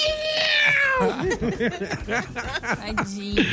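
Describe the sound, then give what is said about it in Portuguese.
A small whistle mimics a cat's meow: a long falling tone, then a quick series of short, rising-and-falling meow-like calls, fairly loud, with no talking. “Sim, mas ele imita o gato com o apitinho.”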